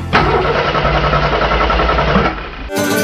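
A car engine cranks and catches, then runs with a loud, rough rumble for a few seconds before the sound cuts abruptly to something brighter.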